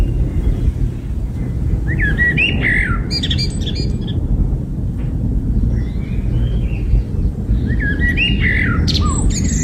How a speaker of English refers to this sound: But even the birds are getting behind it. Listen to this bird singing.